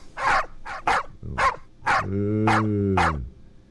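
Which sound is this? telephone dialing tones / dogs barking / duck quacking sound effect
dogs barking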